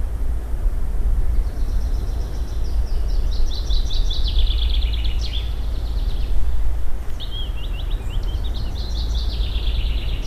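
Outdoor ambience on the educational trail of the Bird Paradise Nature Reserve, an area of almost 200 hectares: a few birds sing repeated high, trilling phrases over a steady low rumble of wind or background noise. No one speaks.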